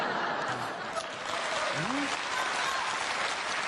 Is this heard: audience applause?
yes